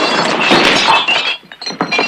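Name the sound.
gun sliding into glasses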